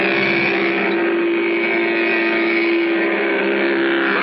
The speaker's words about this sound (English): Bike or almost anything that moves. Mattel's new Varum hot rodder engine.